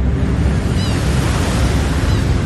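A loud, steady roar of the rushing rapids of the Niagara River fills the scene, a dense churning wash of water noise with no pauses and no voices.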